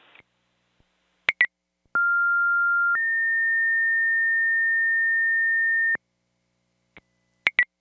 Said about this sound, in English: Yeah, you can disregard the alarm. It's a problem with the system. You can put out a cancel tone. 25 C1, disregard the alarm. Problem with the system. Cancellation tone.